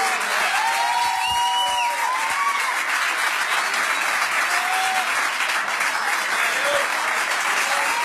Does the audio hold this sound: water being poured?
no